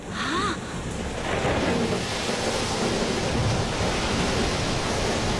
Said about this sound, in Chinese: 马来西亚关丹港外海电闪雷鸣，巨浪滔天。